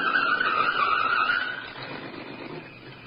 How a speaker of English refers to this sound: The answer to that's in the car now approaching.